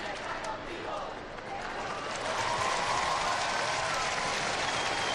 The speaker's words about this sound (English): And the applause there, following Pope Leo's signing the back of that cross, which the young people brought up to him